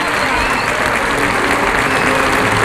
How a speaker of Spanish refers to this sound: Vuelve a recibir la ovación del público Sergio Galán.